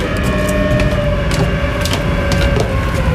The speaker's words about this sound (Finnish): Eli oikeastaan ainut, mistä merkittävästi lähtee täällä ääntä, on varmaan minä ja sitten tuo keulamoottori, että just noi keulamoottorit, niin saat on vähän värisemään.